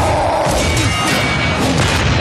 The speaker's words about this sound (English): I'm hearing where, like, lightsabers and superheroes like crashing into stuff.